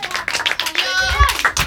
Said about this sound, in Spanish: Oye, gracias, chicos. Muchas gracias, chicos. Un aplauso.